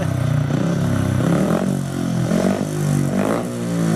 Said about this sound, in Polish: Nie rozpoznali Państwo? Oczywiście. Odgłos motocykla żużlowego, który zaprezentował reprezentant Polski Maciej Janowski. Jeden z najpiękniejszych odgłosów świata, co dla niektórych, a dla żużlowców?